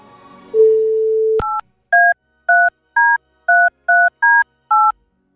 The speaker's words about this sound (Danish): Man får fire ring. Hvis ikke man tager rigtigt telefonen inden for de fire ring, så ringer vi altså videre.